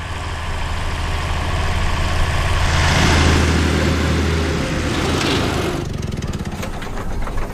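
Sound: lawn mower engine running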